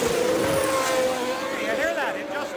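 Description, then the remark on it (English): A race car engine drones loudly as the car leaves the pit lane after a wing adjustment, its steady note briefly wavering and faltering as if stumbling, not going out cleanly, while a man speaks a couple of words over it. “Now, either he can't grab a low enough gear, or it's loading up, as we suggested earlier, but it doesn't go out cleanly.”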